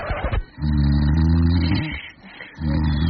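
A spouse snores loudly in bed at about 10 pm: a long, low, rattling snore, a brief pause, then another deep rumbling snore begins. No one speaks.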